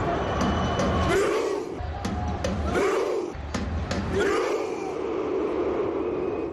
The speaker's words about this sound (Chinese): 我现在的位置呢是在达拉斯的 AT&T 球场，就在刚刚结束的比赛当中，挪威队2-1战胜了科特迪瓦队。大家听，现在就是现场版的挪威划船吼。